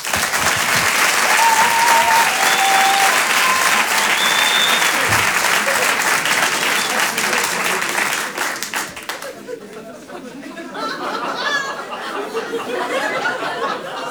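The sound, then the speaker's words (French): Loud, sustained applause from a large audience at the Chanson Comedy Club, called for comedian Aymeric Lompré: a dense wash of clapping with a few whoops and cheers, easing slightly before swelling again near the end. “Je demande également un tonnerre d'applaudissements, s'il vous plaît, pour Aymeric Lompré.”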